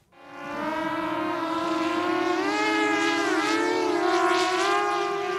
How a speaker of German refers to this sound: Über ihnen eine Drohne des Münchner Start-ups Titan Technologies.